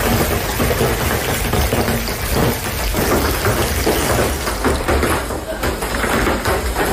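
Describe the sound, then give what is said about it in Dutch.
Heavy rain and hail pound down in a dense, continuous roar through a thunderstorm, loud, with deeper rumbles mixed in and no letup for the whole stretch; a severe storm with heavy hail, thunder and rain across large parts of Belgium in the evening and night, especially the south. “Ja, het was echt noodweer met zware hagelbuien, onweer en regen.”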